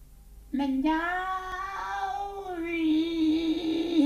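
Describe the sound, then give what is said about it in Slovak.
A single long, drawn-out tomcat meow, loud, holding a steady wavering pitch for several seconds before trailing off, with no other sounds around it. “Kocúr! Mňauk! To je čudná ozvena.”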